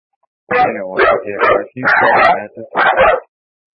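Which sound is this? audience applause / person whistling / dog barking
dog barking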